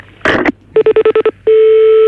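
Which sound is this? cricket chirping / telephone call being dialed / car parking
telephone call being dialed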